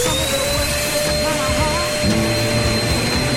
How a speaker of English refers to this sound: These are the original songs, but with someone hoovering over them, okay? We're going to be terrible. Listen to this. Listen to it. Try and factor out the hoovering.